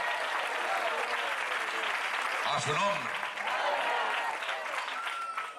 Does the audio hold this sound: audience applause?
yes